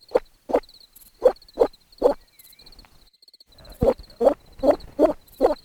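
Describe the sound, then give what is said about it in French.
A woman imitates a frog, making about ten short, throaty croaks in two quick rhythmic runs with a brief pause between, fairly loud, with no talking. “Ah oui, c'est vrai qu'elle a un don pour faire la grenouille.”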